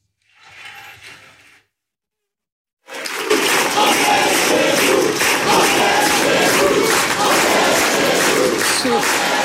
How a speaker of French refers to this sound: On est chez nous, crié par la foule face à vous. J'ai quand même dû le réécouter plusieurs fois, parce que c'est un cri que l'on entend habituellement dans les meetings du Front National, ou aujourd'hui du Rassemblement National.